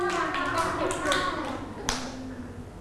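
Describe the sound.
Children in a class clap their hands for a classmate in a loose, uneven scatter, with a few sharper claps standing out, while a murmur of voices carries on underneath.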